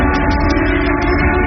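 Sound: factory siren wailing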